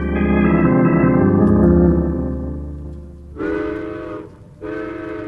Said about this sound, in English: Boys, get outside and hunt for some coal alongside the tracks. The coal train just went by.